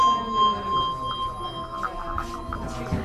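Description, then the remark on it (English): A handbell rings with a sustained, bright metallic tone played with a vibrato technique, its pitch pulsing in a steady wavering rhythm over about three seconds, with no talking. “And this is a vibrate, they call it like a vibrato thing, and this is fun too.”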